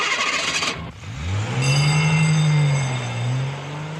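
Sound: car traffic noise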